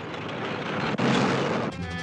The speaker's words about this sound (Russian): Взрыв поднимает комнату.